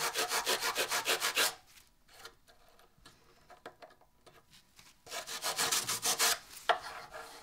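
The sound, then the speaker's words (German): Brisk back-and-forth rubbing of a cloth over a wooden drawer, working in oil, in two rhythmic bursts separated by a quieter stretch of faint handling. No one speaks. “Du kannst den erstmal ölen.”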